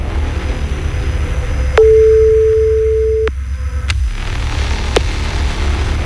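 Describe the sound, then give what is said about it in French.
A telephone number is dialed and the line gives one steady ringing tone lasting about a second and a half, framed by sharp clicks, over a low, constant background rumble. No one speaks. “compose le numéro de téléphone.”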